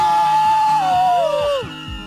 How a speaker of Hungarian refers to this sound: egy nagy sikítást! Ki lesz a leghangosabb? Ez na, a kérdés. Hát akkor egy, nézzük itt a közönséget. 2, 3!